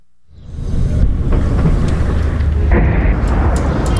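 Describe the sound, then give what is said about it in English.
A deep, rolling rumble swells up after a brief quiet and lingers, distant explosions heard at a hospital in Abatir, southern Lebanon: two loud blasts, then a third, with a few sharper thuds breaking through the heavy low roar. No one speaks. “We've just arrived at the hospital here in Abatir, and we've just heard two loud explosions in the distance. A third one.”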